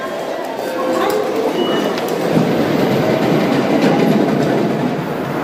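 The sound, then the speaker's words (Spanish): A Shinkansen high-speed train runs along the rails on the route between Kanazawa and Toyama in western Japan, with a loud, steady rushing rumble and faint rhythmic clatter, with indistinct voices underneath. “Desde 2015, los trenes de alta velocidad Shinkansen llegan a Kanazawa.”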